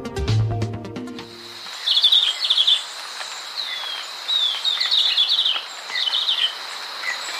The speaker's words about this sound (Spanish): El verderón castaño que oímos trinar no llega a medir más de 12 centímetros. Tiene la cabeza rojiza y el cuerpo y las alas de color oliva claro. Se puede observar en la serranía de Perijá, en los límites entre Colombia y Venezuela.